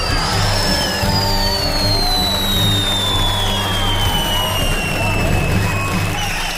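fireworks sound effect

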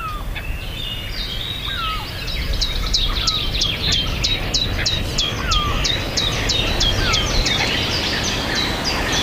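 birdsong

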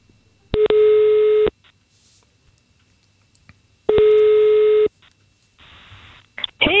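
telephone ringing tone

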